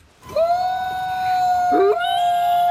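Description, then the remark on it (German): Wolves howl in long, steady, drawn-out tones, with a second voice sliding in partway through to overlap the first, played in a forest exhibition in a gasometer in Oberhausen, Germany. The howling is loud, with no talking. “Dem Heulen der Wölfe folgen, einem Braunbären auf die Pelle rücken oder zwischen den Wurzeln eines Riesenbaumes ruhen.”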